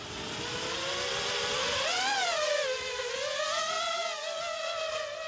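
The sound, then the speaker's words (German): A steady, buzzing motor whine from a flying drone, its pitch rising and dipping as it throttles up and eases off, heard alone with no talking. It is an armed, munition-carrying drone used in a practice attack to destroy a vehicle. “Jetzt werden wir mit einer munitionierten Drohne einen Angriff üben.”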